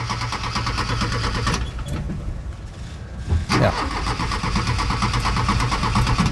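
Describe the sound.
An old car engine cranks and sputters repeatedly, struggling to catch, with a brief pause before it tries again; loud, with a single short spoken word.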